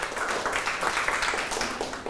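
A group of children in a classroom claps together for a classmate who gave a correct answer, a dense, steady patter of many hands lasting a couple of seconds at moderate loudness, with no speech over it.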